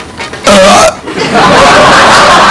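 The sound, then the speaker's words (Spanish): A person vocally mimics another person's strong hiccup attack: one sharp, strained voiced burst lasting about half a second, followed by breathy, noisy vocal sounds, with no speech. “Y el pobre vino con un ataque de hipo increíble.”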